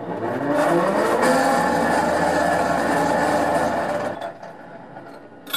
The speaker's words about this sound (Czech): Posádka napřed uzavřela venkovní mříže, pak následně uzavírá pancéřové dveře objektu, zajistí zástrče a v případě zahájení samotné palby obsluha ventilátoru okamžitě zahajuje výměnu vzduchu.